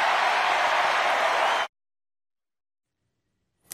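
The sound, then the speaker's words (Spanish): A crowd of supporters at a party event bursts into loud, dense applause that roars steadily for about a second and a half, then cuts off abruptly into silence before a brief faint sound at the very end. “Aplausos en una fiesta, en un evento donde todos son simpatizantes.”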